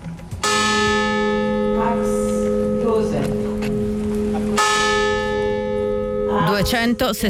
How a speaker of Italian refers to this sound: I rintocchi della campana accompagnati dai nomi di coloro che persero la vita nell'incendio divampato all'interno della miniera di carbone era l'8 agosto 1956.